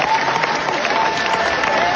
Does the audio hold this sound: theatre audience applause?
yes